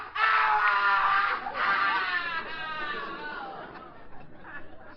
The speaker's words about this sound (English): That scream. That came from the cellar. Who you got down there?